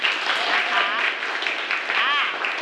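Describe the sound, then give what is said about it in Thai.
A group of students claps steadily for a few seconds to welcome a teacher to a class singing performance, a dense, even patter of many hands, with high excited voices calling out over the applause. “เอาปรบมือหน่อย”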